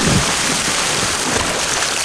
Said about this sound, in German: Das seid ihr, wie ihr kopfüber ins Wasser fallt beim Wasserskifahren. Der erste Moment beim Wasserskifahren ist, glaube ich, immer der schwierigste.